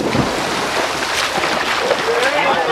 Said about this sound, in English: The two shot off the side of the pool and into the water.